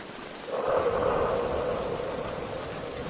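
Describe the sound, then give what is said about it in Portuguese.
Steady rain falls in a continuous hiss, swelling slightly after the first half second and staying fairly loud throughout, with no voices. “Então, Liz tomou o melhor banho de chuva de todos os tempos.”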